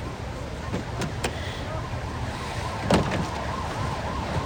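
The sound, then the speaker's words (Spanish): Wailing sirens of several police cars arriving at the scene rise and fall steadily over a constant road rumble, with a few sharp knocks; the cars are drawing closer. “Varios coches de policía acuden al lugar.”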